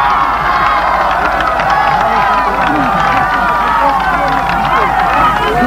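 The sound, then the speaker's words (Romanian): A large crowd cheers and applauds the poets of Basarabia steadily, with overlapping shouts and whoops over a dense, continuous wash of clapping, loud and sustained throughout. “Aplaudați-vă, poeții!”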